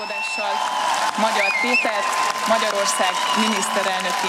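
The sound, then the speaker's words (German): A large crowd cheers steadily in and in front of the parliament building as the new parliament president announces Peter Magyar as the new prime minister, with a dense blend of shouting voices, scattered clapping and a few rising whistles, staying loud and continuous throughout without a pause. “Jubel brandete im und vor dem Parlament auf, als die neue Parlamentspräsidentin Mitte Nachmittag verkündete, Peter Magyar sei der neue Ministerpräsident.”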